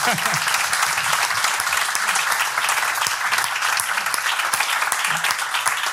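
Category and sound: crowd, audience applause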